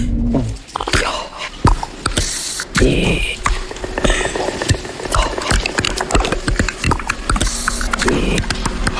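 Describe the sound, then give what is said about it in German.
A woman's voice, a possessed TV weather presenter played by Emily Blunt in the film Disclosure Day, makes strange, eerie, alien-like noises: raspy whispers, clicks and gurgling bursts in an irregular, stuttering rhythm, fairly loud throughout with no clear words. “Solche außerirdischen Geräusche kommen plötzlich aus der hübschen Wetterfee und alle Zuschauer können dabei live zugucken.”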